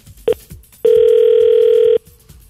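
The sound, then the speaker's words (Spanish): A caller's phone line drops and a steady, loud mid-pitched dial tone sounds: a short beep, then a sustained tone lasting just over a second, with faint background noise around it. “No, se le fue la llamadita.”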